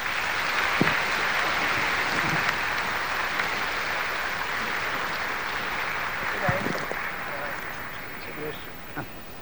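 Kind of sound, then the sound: crowd, audience applause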